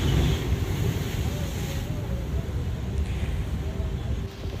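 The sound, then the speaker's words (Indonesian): Strong wind from a Category 4 storm roars and buffets the microphone over a steady crash of heavy surf, a dense, continuous rumble of high waves and tidal flooding pounding the coast in Guerrero, Mexico, with no clear break throughout. “Badai kategori 4 ini memicu gelombang tinggi serta banjir rob yang menghantam kawasan pesisir.”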